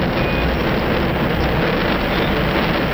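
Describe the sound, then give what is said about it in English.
A deep, thunderous roar of space shuttle solid rocket boosters igniting at liftoff after main engine start, the shuttle carrying the largest astronaut crew in history, loud and unbroken for the whole stretch, a dense crackling rumble with no voices over it. “We have SRB ignition, and the history's largest astronaut crew is on its way.”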